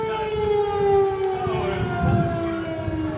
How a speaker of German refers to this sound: Und das ist eigentlich ein ganz gutes Stichwort, weil die Crew und wir diese Schutzräume am Donnerstag, als wir diese Patrouille begleiten sollten, im Grunde im Hafen ständig aufsuchen mussten, weil ständig Alarm herrschte.